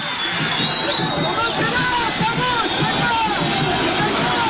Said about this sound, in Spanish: Hay gente muy enojada, no sé de dónde vienen esos gritos.